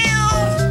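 A single loud, drawn-out cat meow, close up and clear, with a strained, slightly wavering pitch and no voices around it.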